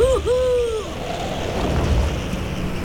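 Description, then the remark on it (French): A snowy owl gives one drawn-out, mid-pitched call that dips briefly before holding steady, lasting under a second, then fades into a steady roar of gusting wind during a storm. “C'est cette appétence alimentaire qui a donné son nom au harfang des neiges.”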